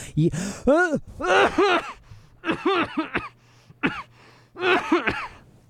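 A voice acts out Mr. Poe coughing a few times before he speaks, a series of coughs and throat-clearing sounds, several husky bursts in an uneven rhythm with brief pauses between them, heard alone without other talk.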